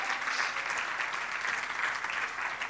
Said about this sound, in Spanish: Y la iglesia le da un fuerte aplauso al Señor